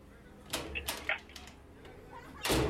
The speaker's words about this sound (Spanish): ¿Quién toca la puerta?